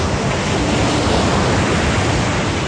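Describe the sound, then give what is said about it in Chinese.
A steady, full roar of ocean surf washes continuously without pause, loud, with no distinct individual wave crashes and no voices. “孩子们，你们看，前面那片蓝蓝的，就是大海。”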